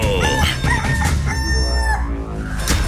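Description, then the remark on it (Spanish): A rooster crows loudly as part of an FM radio station jingle, a long drawn-out cock-a-doodle-doo with a few short clucking notes before it, filling nearly three seconds over a dense, busy background. “Estéreo Gallito. Los hijos de la laguna. Aquí hay tiro. De aquí sale el mejor gallo.”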